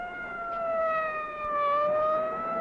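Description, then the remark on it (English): A fire engine siren wails steadily with a strong harmonic tone, its pitch dipping slightly and rising again over a few seconds, loud and continuous with no voices. “Follow the fire engine.”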